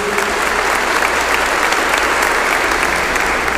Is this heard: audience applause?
yes